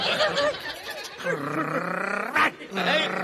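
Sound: person imitating a growling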